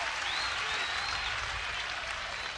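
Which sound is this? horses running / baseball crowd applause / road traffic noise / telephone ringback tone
baseball crowd applause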